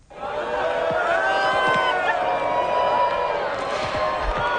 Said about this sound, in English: That's a crowd watching the solar eclipse, cheering as the moon moved in front of the sun, blocking its rays.